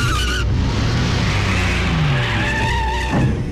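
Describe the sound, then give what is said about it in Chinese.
Two cars chase each other at night, the rear car ramming the front one: tires screech in long, wavering squeals over the loud, steady roar of speeding car engines, continuous throughout, with no one speaking. “可谁知后车见状也加快了速度，这两辆车便在夜里一前一后地追逐起来。”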